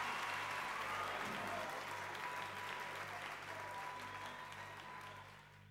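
A crowd applauds steadily, the dense clapping holding loud for several seconds before gradually tapering off, with a low steady hum underneath.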